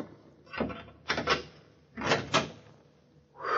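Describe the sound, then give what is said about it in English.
A door being opened, with a series of rattling, scraping bursts as the latch and hinges work, coming in uneven pairs at moderate loudness with quiet gaps between and no voices. “This is the door, I think.”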